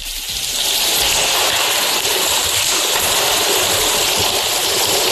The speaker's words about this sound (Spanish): La lluvia irá hoy a menos, después de un miércoles de fuertes precipitaciones con acumulaciones de 59 litros por metro cuadrado en Gijón y vecinos achicando agua.